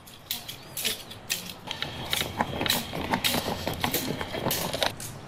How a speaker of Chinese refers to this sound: 久而久之，人们发现敲打的力度和身体不同部位竟能形成一种悦耳的节奏感，于是他们不断总结和改良，并在棍棒顶端加入铜钱串增强节奏感，最终形成了特色鲜明独具趣味的鹿直打莲香。